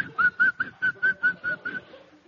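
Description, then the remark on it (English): A man whistles a short, steady tune of about eight evenly spaced notes, clear, with no one talking; the notes fade slightly toward the end. “I noticed a man whistling.”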